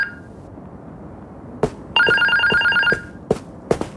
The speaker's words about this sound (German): Das mehrmalige Klingeln des Telefons im Wohnzimmer hörten sie nicht.